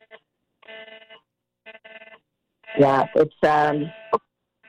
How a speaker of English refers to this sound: There's another alert coming through on all our phones.